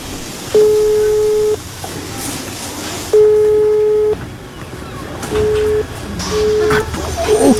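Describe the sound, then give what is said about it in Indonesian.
A mobile phone call tone that never connects: two long steady beeps about a second each, then shorter clipped tones, over a hissy, noisy background. “HP Fatma susah dihubungi lagi.”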